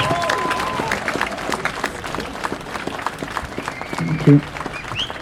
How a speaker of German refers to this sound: Applaus.